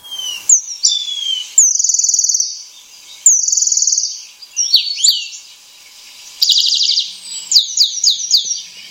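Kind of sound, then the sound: bird, eurasian penduline tit song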